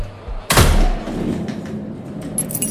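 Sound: festival firework rockets exploding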